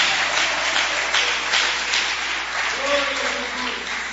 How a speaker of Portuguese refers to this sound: Só quem crê, levanta a mão aí e glorifica o nome dele com palma nesta noite.